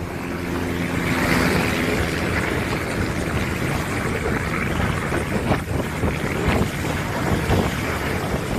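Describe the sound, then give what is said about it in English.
Heavy wind buffets the microphone on a Florida beach, with a low propeller-engine drone early on from a twin-engine plane forced to crash into the ocean after engine trouble, and faint splashy bursts from the ocean toward the end. “A pilot in Florida was forced to crash her twin-engine plane into the ocean after experiencing engine trouble.”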